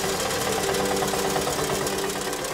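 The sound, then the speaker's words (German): A tractor engine, used to fetch drinking water from a hydrant in the quarter below, runs steadily at idle, a continuous, fairly loud mechanical drone with a fast rhythmic knocking pulse throughout, and no voices. “Das holen wir mit dem Traktor im Viertel unten aus einem Hydranten.”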